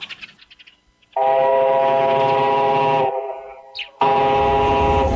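A train pulls in and stops beside a station platform with a few quick chuffs, then lets out two long, loud whistle blasts, separated by a brief hissing pause. No one speaks.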